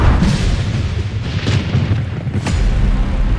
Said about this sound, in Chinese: 这天夜里，惊雷炸醒了沉睡的村民，一道闪电从天而降，劈中古樟。